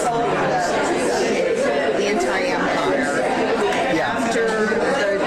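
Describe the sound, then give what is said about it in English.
Dense crowd chatter after a church service fills the whole stretch, many overlapping voices at a steady, fairly loud level with no single speaker standing out. “There's so much crowd noise, it's hard to pick it out.”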